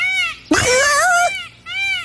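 A peacock calls three times, cat-like and mewing: a short rising wail, a loud, long wavering cry, then another short one. Clear, with no talking.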